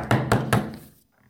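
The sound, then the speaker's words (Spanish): Three loud, evenly spaced, forceful knocks on the wooden door of a home, each with a dull low thud, followed by a brief fading resonance and silence. “Pero la paz duraría poco, ya que se escucharía un fuerte golpe en su puerta.”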